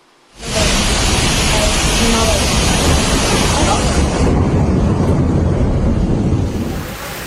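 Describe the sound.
Loud, steady roar of rushing floodwater and gusting wind in the city of Varna, Bulgaria, after torrential rain, starting abruptly and continuing unbroken, with faint voices buried underneath the noise.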